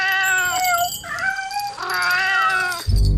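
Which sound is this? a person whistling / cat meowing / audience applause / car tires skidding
cat meowing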